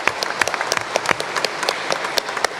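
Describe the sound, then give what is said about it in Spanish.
An audience applauds steadily, many hands clapping in a dense, irregular patter with sharper individual claps popping out, moderately loud throughout with no voices. “Aplauso para ustedes.”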